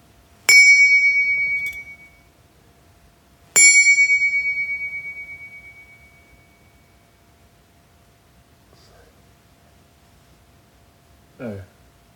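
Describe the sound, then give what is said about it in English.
Found objects, all found in a bin, struck one by one to record their notes: two bright metallic strikes about three seconds apart, each ringing with a clear high tone that slowly decays, followed later by a short, lower knock. “Actually, I'll strike them all one by one so I can record the notes and use them later.”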